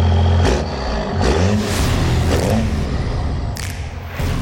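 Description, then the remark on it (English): A diesel truck engine revs loudly, its deep rumble rising and falling in several surges over a few seconds, with a couple of sharp thumps mixed in and no voices. “The fall weather means it's time to get your diesel car or truck ready for the cold.”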